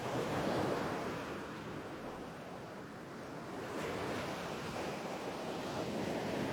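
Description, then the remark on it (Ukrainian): Sea waves wash and rustle against the shore in a steady, broad hiss, rising and easing slightly without pause, with a light rush of wind over the surf and no voices. “А море дивилося на Олеся і шурхотіло усіма своїми хвилями.”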